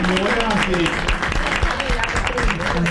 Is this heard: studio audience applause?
yes